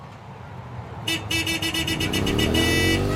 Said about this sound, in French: Vous êtes en ville. Une circulation dense, des klaxons, une moto passe à toute vitesse, moteur hurlant.